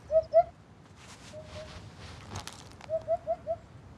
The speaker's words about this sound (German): Langer Schnabel, prächtiges Gefieder und ein irgendwie hupender Ruf. Wiedehopfe sind Gaukler. Wenn sie ihre Federhaube aufstellen, wirken sie mächtiger, als sie in Wahrheit sind. Dabei sind sie kaum größer als eine Amsel.